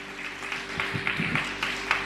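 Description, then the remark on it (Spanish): A church audience applauds the Lord, a dense, steady patter of many hands clapping for about two seconds at moderate volume, with a low electrical hum running underneath. “¿Alguien puede dar un fuerte aplauso al Señor?”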